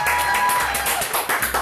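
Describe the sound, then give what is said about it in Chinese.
One person claps their hands in a quick, steady run of about seven or eight crisp claps, with a faint background hum underneath, right after tasting a freshly pan-fried dish. “哦，请收下小弟一声鼓掌。”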